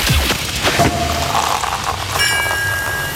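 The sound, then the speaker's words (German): A sparkling wine cork pops with a sharp burst near the start, followed by a steady, crackling fizz like bubbles pouring, with a few bright ringing tones joining toward the end. “Denn immer, wenn ihr bei uns die Sektkorken knallen hört, das Ganze klingt dann ungefähr so...”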